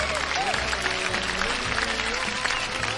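A steady wash of clapping fills the whole stretch, dense and unbroken, like a crowd applauding at a constant level with faint voices mixed underneath.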